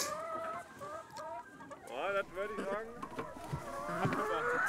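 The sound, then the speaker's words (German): Several hens cluck continuously in a busy chorus, their warbling, rising calls overlapping throughout with no clear pauses. “Die Hühner legen auch in der kalten Jahreszeit konstant viele Eier.”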